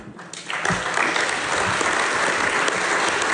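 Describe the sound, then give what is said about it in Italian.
A burst of audience applause for Fulvio swells quickly within the first half second, then holds as steady, dense clapping from many hands at a fairly loud level, with no voices over it. “Facciamo un applauso a Fulvio.”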